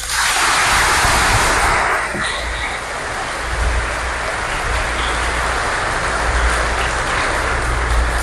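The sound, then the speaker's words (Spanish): An audience at a Mass applauds God steadily for several seconds, a dense, loud wash of many hands clapping together with no speech over it, holding fairly even before continuing to the end. “Un aplauso a Dios.”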